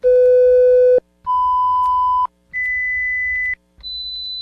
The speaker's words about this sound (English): Did you hear all 4 tones? Yes, there were 4. If you didn't, perhaps it's time to have your hearing checked.